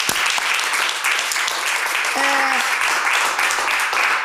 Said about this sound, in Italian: Allora, applauso, sì, applauso.